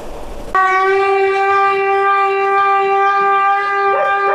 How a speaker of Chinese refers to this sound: 听着这声就该走了是吧？ 对，听见锣声摇警报声，我们就往下走。